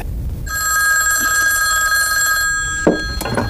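A telephone bell rings loudly and steadily for about two seconds, then cuts off, followed by a few sharp clicks and clatters.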